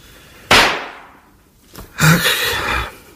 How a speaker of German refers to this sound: Ach, jetzt spielt sie schon wieder mit den Pistolen.